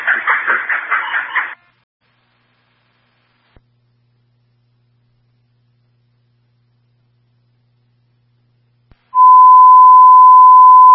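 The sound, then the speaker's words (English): A burst of rapid, warbling fire dispatch radio alert tones transmitting Signal 15 for a fire alarm at a Dunkin' Donuts on Loudon Road, then near silence with a couple of faint clicks, followed by a loud, steady single-pitch tone that holds to the end. “Signal 15 is being transmitted for the fire alarm, Dunkin' Donuts, 890 Loudon Road.”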